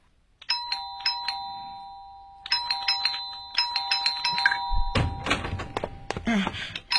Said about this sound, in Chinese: 我说，同志，同志，120室家里没人， 啊、 你不要老是摁门铃，好吧？